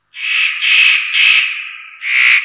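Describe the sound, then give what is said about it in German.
Harsh, grating crow-like calls of a spotted nutcracker: three rasping notes run together, then a short pause and a fourth. Loud, with no voices or other sounds. “Seine Stimme ist, wie bei den Hähern ja im ersten Anblick, auch eher so krähenmäßig zur Brutzeit.”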